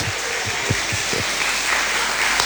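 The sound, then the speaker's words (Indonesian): A crowd applauds steadily, a dense wash of many hands clapping at once, with a few louder individual claps standing out near the start. “Tepuk tangan lagi.”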